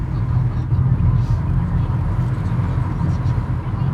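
A car drives steadily toward the Lac de Roseland, its engine and road noise forming a continuous low, even rumble that stays fairly loud throughout, with no breaks or changes in pace.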